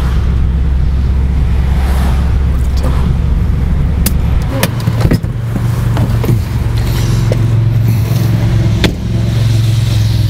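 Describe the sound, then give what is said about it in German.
A car drives steadily along a street toward Bebra, Germany, its engine and tyre rumble forming a loud, constant low drone, with a few sharp clicks and knocks scattered over the noise. “Und diese Straße hier, jetzt fahren wir mal Richtung Bebra, die war einfach vollgeparkt mit diesen Army-Autos.”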